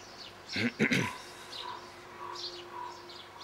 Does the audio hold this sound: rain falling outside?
no